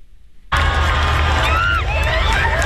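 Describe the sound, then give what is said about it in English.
More than a million people lining the streets of Madrid, Spain, waving flags and banners, cheer loudly and continuously to welcome Pope Leo in his Pope Mobile, with high-pitched whoops and shouts rising above a dense roar of voices, bursting in suddenly after a quiet moment. “More than a million people lined the streets of Madrid today, waving flags and banners to welcome Pope Leo.”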